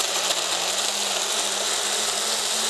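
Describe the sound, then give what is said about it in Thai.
An electric blender whirs steadily as it purées fruit and vegetables, a loud, even, high-pitched roar with a faint low hum underneath that holds constant before cutting off abruptly. “เราจะปั่นไปเลยนะสังเกตดูว่าผลไม้มันจะเข้าเป็นเนื้อเดียวกันนะคะ”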